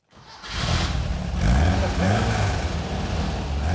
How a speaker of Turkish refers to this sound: Sesi kulağa çok tatlı geliyor. Hele eski haline göre çok çok daha iyi. Motoru bir süre çalışır bırakacağım. Sızıntı olmadığından ve fazla ısınmayacağından emin olmak istiyorum.